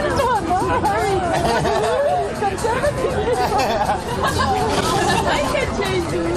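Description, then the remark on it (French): A lively outdoor crowd chatters and laughs in a steady hubbub in Etna park (parc de l'Etna), with light clinks of reusable eco-cups and faint birdsong scattered through the dense background of voices. “Tintement des éco-cups, éclats de rire et chants des oiseaux en fond sonore, bienvenue au parc de l'Etna.”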